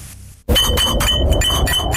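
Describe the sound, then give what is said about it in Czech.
Glasses of Sviany beer clink together repeatedly, a quick, irregular run of bright, ringing chinks over a full, busy clatter that starts abruptly after a brief quiet moment. “Vánoční zvonky ani rolničky to nejsou. To sviany se nesou.”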